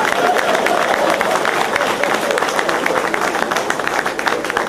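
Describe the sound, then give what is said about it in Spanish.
An audience applauds steadily, a dense, even wash of many hands clapping that holds at a loud level throughout, with faint crowd murmur mixed into the clapping. “¡Aplausos de respeto!”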